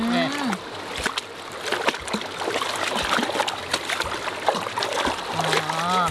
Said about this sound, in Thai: ที่เราเอาสวิงมานี่เขาไม่ได้ช้อนอะไรหรอกเรามาใช้ล้างไก่นี่แหละ